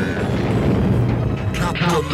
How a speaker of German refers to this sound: Und jetzt der größte Knall im All.